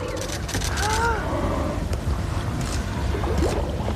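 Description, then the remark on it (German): Steady low engine rumble and rushing water on a tourist boat at sea, with wind noise and scattered voices of tourists at the rail chattering and calling out as they watch the sea for a whale. “Aber jetzt ist erstmal Spannung hier auf unserem Boot. Wir laufen zur Reling und schauen gebannt aufs Meer.”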